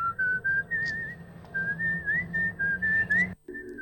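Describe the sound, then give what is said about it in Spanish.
A clear, bright whistled melody from the 1969 British horror film Twisted Nerve rises and dips through a string of short phrases, carried over a low background hum, then breaks off abruptly near the end. “De ahí viene el silbido.”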